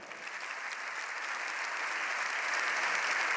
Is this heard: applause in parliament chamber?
yes